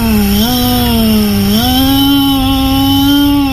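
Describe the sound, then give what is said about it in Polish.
A voice imitates a petrol string trimmer, holding a loud, steady buzzing drone that steps up in pitch twice, like an engine revving, with no pauses for the full few seconds. “Można być też spalinową kosiarką”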